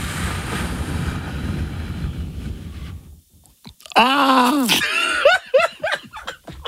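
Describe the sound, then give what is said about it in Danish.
A person breathes out completely in a long, rushing exhale, then after a brief pause tries to scream: a thin, strained attempt, squeaky and breathless, breaking into a few choppy vocal bursts. “Så nu puster du bare helt ud, og så prøver du at skrige, som om der er en mor der efter dig.”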